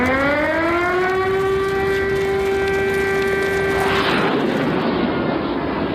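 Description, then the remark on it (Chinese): A wailing air raid warning siren sounds in Nanjing as a U-2 aircraft approaches; it rises in pitch over the first second, then holds a steady, loud, harmonic-rich tone before cutting off into a broad roaring rumble near the end. “中午饭的时候，突然警报响”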